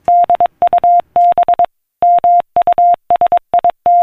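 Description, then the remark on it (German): A steady single-pitched tone keys on and off in Morse code, quick dots mixed with longer dashes grouped into letters with brief gaps, loud and clean with no voices: a Morse-coded message being sent by telegraph. “So tönt es, wenn Menschen von der einen Seite des Planeten eine Morsecode-verschlüsselte Nachricht via Telegraph auf die andere Seite des Planeten übermittelten.”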